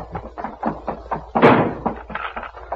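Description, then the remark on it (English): A heavy door to Voltan's quarters slams shut with one loud, booming crash midway, framed by a quick series of knocking, clattering thumps as it is barred. “We can bar the door and hold them off while we arrange to escape by the window.”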